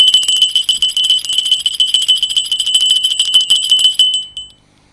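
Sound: small hand bell ringing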